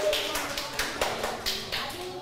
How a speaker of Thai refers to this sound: อ้าวปรบมือให้กลุ่มที่1หน่อย